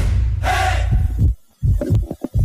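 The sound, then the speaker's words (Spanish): A baby's first heartbeat during pregnancy as heard on an ultrasound monitor: a loud, muffled whooshing throb, then a string of quick rhythmic pulses over a low rumbling background. No one speaks. “Hay momentos en la vida que lo cambian todo, como ese primer latido.”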